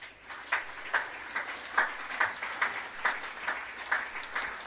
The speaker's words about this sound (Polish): Bardzo proszę o wielkie brawa.